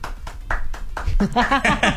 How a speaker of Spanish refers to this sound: Además, entre nosotros nos aplaudimos, mi team, y no pasa sí, nada.